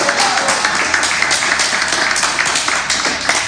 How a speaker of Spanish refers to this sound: Denle un aplauso a Cristo, iglesia.